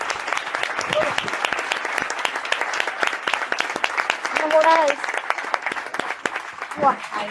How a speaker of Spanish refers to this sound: No, y un fuerte aplauso a esta primera mesa.